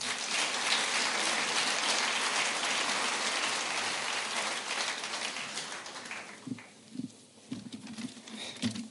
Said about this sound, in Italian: un applauso a Daniele Naum